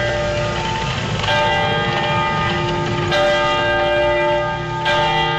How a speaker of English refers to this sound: For us here in Oakland, we are right across the street from a church that plays bells at different times of the day.